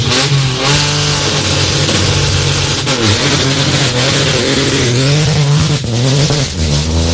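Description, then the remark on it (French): A loud race car, car number 30, revs hard and accelerates away from the start, its pitch climbing and dropping through gear changes, the roar sustained for several seconds with no voices. “Voilà, c'était la voiture numéro 30 qui a pris donc le départ à l'instant.”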